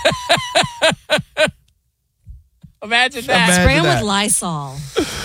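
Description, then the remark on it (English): Five quick, sharp hissing bursts of a Lysol aerosol disinfectant spray fire in a steady rhythm, then after a short silence a voice starts talking. “Spray with Lysol.”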